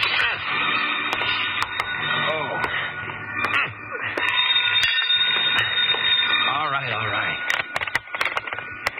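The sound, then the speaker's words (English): In the radio drama Jeff Regan, Investigator, an old-fashioned telephone bell rings insistently in a steady, bright metallic jangle that fills the whole stretch, with a voice talking over it. “6 to 5, I'd never get there before it stopped ringing.”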